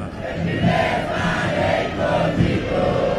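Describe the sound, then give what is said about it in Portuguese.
A stadium crowd of Internacional ('colorado') football fans chants together at Arena Condá in a steady, rhythmic roar, voices rising and falling in repeated sung phrases that fill the sound at a consistently loud level. “Vibra e canta o torcedor colorado na Arena Condá.”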